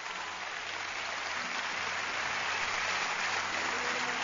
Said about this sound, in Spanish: Dar un aplauso fuerte al Señor ahora.